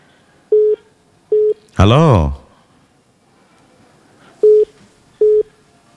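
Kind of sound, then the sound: signal or alarm, telephone line tone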